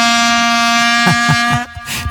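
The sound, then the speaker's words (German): A dense, continuous drone of many vuvuzelas, long plastic horns, blaring in a stadium at the 2010 World Cup on one buzzy low pitch, rich in harmonics, loud throughout, with a few short noisy bursts breaking through near the end. “Diese Tröten, diese langen Plastiktröten, die bei der WM 2010 so viral gegangen sind, so klang das dann im Stadion nämlich.”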